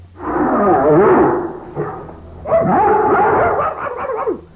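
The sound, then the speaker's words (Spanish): Three large dogs, one of them a Doberman, bark and yelp together in two loud, sustained bursts of rough, overlapping, mid-pitched barking, with a brief lull between them and no voices. “Tres perrotes, mire. Y uno de esos que le dicen Doberman, mire.”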